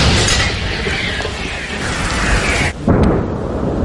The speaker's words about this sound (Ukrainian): Саме туди, у напрямку коси, щойно виявляються цілі, стріляє українська артилерія. Постріл!